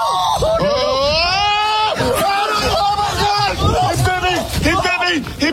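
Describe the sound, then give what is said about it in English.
A man in short pants lets out a loud, shrill, high-pitched scream after being bitten on the leg by a mother raccoon, followed by several more frantic yelps while other excited voices talk over each other. “Now, the guy you hear screaming like a little girl was bitten on the leg.”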